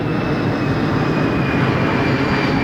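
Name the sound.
plane flying overhead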